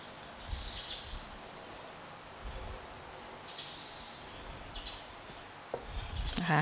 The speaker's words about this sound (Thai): เตรียมก็คือผ่าอะโวคาโดออกครึ่งนึงเลยใช้ช้อนนะคะแกะเม็ดออกก่อน